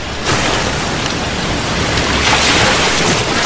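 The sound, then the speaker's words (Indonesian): Steady, broad rushing of sea water washing around a boat that is nearly reaching land, like waves surging, loud and continuous with no voices, swelling slightly toward the end. “Perahu yang ditumpangi Tanduk Alam dan Tuan Putri sudah hampir mendekati daratan.”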